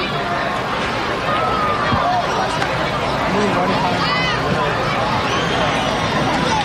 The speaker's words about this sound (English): Very nice crowd on hand here at Prince George's Stadium today. I think as the crowd has settled, probably a little more than halfway full at this ballpark today.